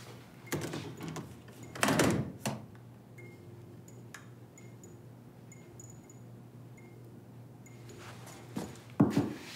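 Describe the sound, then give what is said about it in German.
A door is handled and pushed toward closed but left only ajar, giving a few dull knocks and scrapes near the start, then again at the end, with faint ticking and a steady low hum between. “Die Türen bleiben hier wirklich nur angelehnt.”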